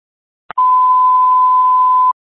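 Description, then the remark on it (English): A short click followed by a single steady, high electronic beep from an iPhone crash notification after a crash at 1020 Centenary Road in Saddlehorn, held for about a second and a half and heard alone against a faint hiss. “We're hearing a blinker in the background, iPhone crash notification.”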